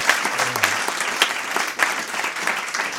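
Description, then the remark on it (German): An audience claps steadily, a dense wash of many hands for the full three seconds, fairly loud with no voices on top. “Einen Applaus.”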